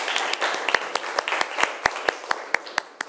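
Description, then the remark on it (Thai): Students in a classroom clap together for a classmate who has just solved a quadratic equation. Many overlapping hand claps form a dense, crackling wash of applause, with a few sharper, louder claps standing out at a fairly steady rhythm. “ครับปรบมือให้เพื่อนหน่อยนะครับ”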